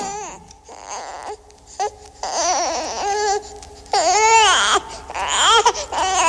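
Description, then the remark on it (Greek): A baby cries in a series of wavering wails, each burst rising and falling in pitch with short breaks between, fairly loud, growing more insistent toward the end. “Νάνι μωρό μου, νάνι παιδί μου, τι έφτασες σήμερα. Αχ, πάλι δεν θα κοιμηθώ απόψε.”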